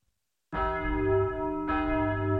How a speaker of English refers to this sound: There's the bell, boys. So that will be all for today. Class dismissed. Enjoy your weekend.